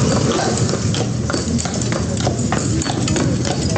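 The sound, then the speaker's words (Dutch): Horse hooves clip-clop steadily on a hard street, several sharp hoofbeats per second, with the rolling rumble of horse-drawn carriage wheels beneath, evoking a street in the southern Netherlands or Belgium in 1805; busy and fairly loud, with no talking. “Ja, koetsen, getrokken door paarden.”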